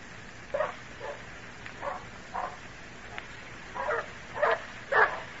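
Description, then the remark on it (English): Three dogs, Badger, Rufus and Barney, barking in short, irregular bursts, some coming as quick doubled barks, moderately loud over a steady background hiss, with no talking. “Stop that barking.”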